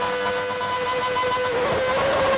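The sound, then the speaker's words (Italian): Ayrton Senna's McLaren Formula One car engine roars at a steady, high-pitched rev, loud and continuous, with a brief dip and wavering in pitch toward the end as it decelerates into a chicane. No voices are heard. “Riconoscete questo suono? Rombo di motore di chi?”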